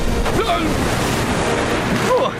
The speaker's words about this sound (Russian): Осторожно! Эти волны больше, чем гигантская тыква во время сбора урожая.